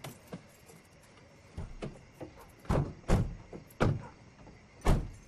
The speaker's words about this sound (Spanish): De noche, los faros del auto iluminan la vieja camioneta frente a la casa de los Rossi. El auto se detiene y la familia se baja.